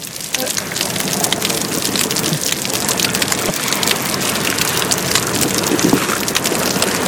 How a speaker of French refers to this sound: J'ai l'impression d'entendre la bouée. Parce qu'elle nage près de la bouée jaune et c'est comme si de l'eau tapait sur une bouée.